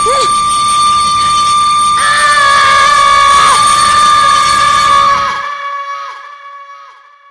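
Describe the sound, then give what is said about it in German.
A train's shrill whistle blares loud and sustained over a heavy rumbling roar as the train comes toward a man, then the roar cuts off abruptly while the whistle's ringing tail fades away. “Dann ließ ihn ein schriller Pfiff zusammenfahren. Er riss die Arme hoch, noch bevor er den Zug sah, der auf ihn zufuhr.”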